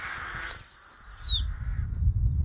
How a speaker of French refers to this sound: En fait, à chaque fois que je fais des fourchons, je siffle comme ça.